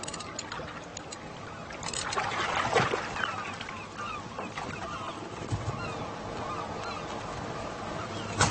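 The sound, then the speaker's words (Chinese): A flock of seagulls cry again and again in harsh, overlapping squawks as they suddenly circle a fishing boat whose shrimp pots are empty, with a steady rumble of the boat and water beneath the birds. “捕虾笼是空的，那么是什么引来了成群的海鸥？他们为什么突然围着渔船飞呢？”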